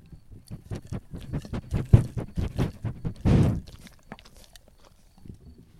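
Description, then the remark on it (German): Eduard, a pet bird, pecks and nibbles at a microphone, making rapid, irregular tapping and crunchy scraping bursts, with a louder rustling burst midway before the pecks trail off into near silence. “Liebes Publikum, das war der Eduard live. Er hat das Mikrofon abgeschnabbelt.”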